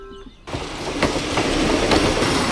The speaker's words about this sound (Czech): Na nádraží v Pacově jehož historická budova září sytě oranžovou barvou, právě přijíždí vlak.